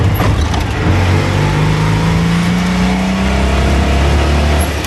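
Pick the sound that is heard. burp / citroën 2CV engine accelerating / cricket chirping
citroën 2CV engine accelerating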